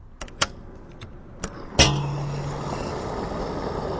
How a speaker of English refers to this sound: I'm here at the gas station right now, and if you, like many Americans, fill up your car with gas, you know very well that the price has jumped up in recent months.